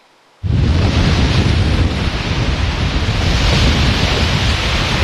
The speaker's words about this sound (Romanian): Pe plaja modern din Constanța, valurile mării și vântul care a suflat cu putere au creat condiții ideale pentru competiție.